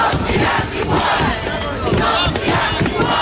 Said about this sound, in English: Hundreds of Wellingtonians have taken to the steps of Parliament to demand a response to new water bills.